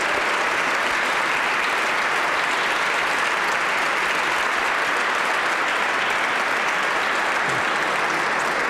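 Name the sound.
audience applause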